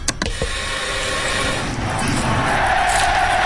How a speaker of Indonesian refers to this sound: Ya, pemirsa, kedua kesebelasan sudah memasuki lapangan. Atmosfer di stadion malam ini sungguh luar biasa.